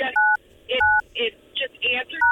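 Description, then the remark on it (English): Three crisp dual-tone telephone keypad beeps sound clear as a phone number is dialed to call someone again, each a short steady pair of pitches, alternating with brief bursts of voices talking between them. “We're gonna try him one more time.”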